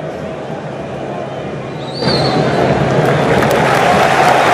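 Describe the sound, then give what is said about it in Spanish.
A large football stadium crowd, with the players and national team representatives, applauds in a dense, steady wash of clapping after a minute of silence mourning Antonio Ratín at an Argentina national team match. It swells noticeably louder about halfway through, with a thin whistle briefly rising above the noise. “Seguido por los aplausos de todo el público, de los propios jugadores y de cada uno de los representantes de estas selecciones.”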